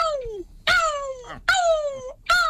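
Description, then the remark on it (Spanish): A person in a gull-call imitation contest in Brussels imitates a Mediterranean gull with nasal, descending wailing calls, three or four drawn-out cries in quick succession, fairly loud with no other sounds. “Gaviota cabecinegra.”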